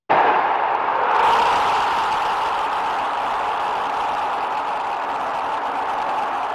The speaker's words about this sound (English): The crowd going wild there after a Mexico goal. Thousands had gathered in the city's famous Zocalo Palace to see their team win 2-0.